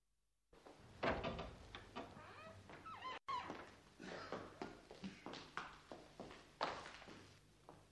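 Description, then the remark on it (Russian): An unlocked door creaks open, followed by a series of irregular footsteps and soft knocks as someone enters; the sounds are moderately loud, with no voices. “Ну что ж, зайдем. Дверь не заперта.”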